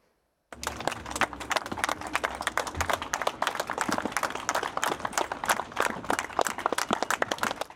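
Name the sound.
long applause from villagers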